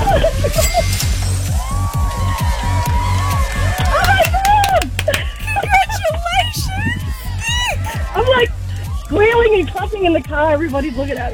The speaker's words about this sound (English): Squealing and clapping in the car, everybody's looking at me.